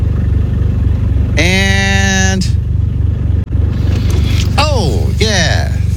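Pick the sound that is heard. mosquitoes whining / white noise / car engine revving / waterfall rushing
car engine revving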